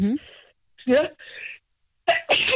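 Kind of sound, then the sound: human body sound, sneeze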